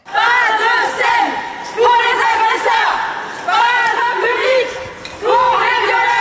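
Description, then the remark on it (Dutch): A loud crowd of protesters shouting and chanting together outside a theatre in Paris during a play, many overlapping raised voices in a continuous, surging din with brief swells throughout. “En dus, buiten de zaal was de sfeer zo.”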